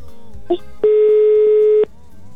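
A single loud, steady telephone ringback tone sounds for about a second, a flat electronic hum over a low, murmuring background, preceded by a brief faint blip.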